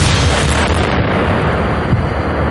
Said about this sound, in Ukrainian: Вибух шахеда дав мінімальне проникнення в товщу бетона і всередині не було жодних уламків.